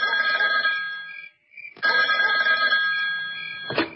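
A telephone bell rings loudly in two long, bright bursts separated by a short pause, with a sharp click near the end and no voices; a call from the corps deputy chief of staff, Li Chengyi.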